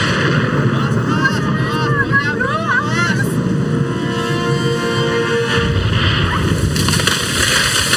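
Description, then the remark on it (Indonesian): Heavy rain roars steadily throughout while a tree creaks and groans with wavering, bending tones, then gives way in a deep, rumbling crash that settles back into the downpour. “Waduh, ada pohon ambruk.”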